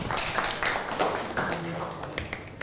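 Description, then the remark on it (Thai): A group of classmates clapping together for a classmate after a group presentation about Wat Saket in class, a dense, steady patter of many hands at moderate loudness that continues throughout, with some murmured voices mixed in. “เก่งมากปรบมือให้เพื่อนหน่อยครับ”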